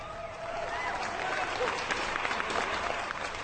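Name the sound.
applause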